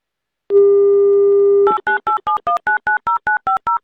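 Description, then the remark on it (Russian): A steady telephone dial tone hums for about a second, then gives way to a quick, even run of roughly eleven loud keypad beeps as a radio host dials a listener's number on Avtoradio, with no voices. “Ну, меньше слов, больше действий, звоню.”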